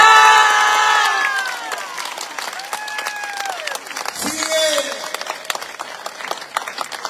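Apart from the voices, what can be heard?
audience applauding and cheering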